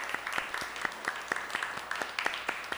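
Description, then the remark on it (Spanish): The live audience of the program La Ciencia Está en los Detalles, at the DAX, applauds, many hands clapping in a dense, steady patter with sharper individual claps popping out at irregular moments, moderately loud and with no one speaking. “Así que vamos a darles un fuerte aplauso.”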